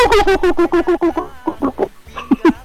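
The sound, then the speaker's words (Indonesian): A human voice imitates a turkey's gobble: a quick, loud warbling run of throaty pulses, then a few separate clipped gobbling calls with short pauses between them. “Ayam kalkun tuh pendengar tuh.”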